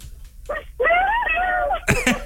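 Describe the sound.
A voice imitates a high-pitched pop singer's shriek to celebrate a radio contest winner's correct answer: a short yelp, then a loud, strained squeal held for about a second, slightly wavering, cut off by a sharp breathy burst.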